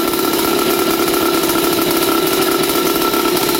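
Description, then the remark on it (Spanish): A small motorcycle engine, just kick-started with two kicks, runs loud, a steady buzzing drone with a rapid raspy putter that holds evenly throughout, with no voices. “Dos pataditas y ya arranca, eso ya queda lista, vea, y suena de lo lindo, vea.”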